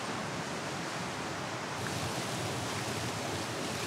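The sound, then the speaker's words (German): A continuous, fairly loud wash of sea surf on the beach at Ristinge, about 10 kilometres long, a dense hissing roar with no distinct individual wave crashes and no voices. “Der Strand vor Ristinge ist etwa 10 Kilometer lang.”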